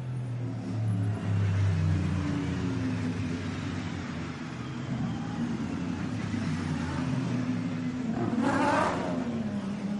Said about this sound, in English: So there are some GT cars mixed in towards the sharper end of the field there.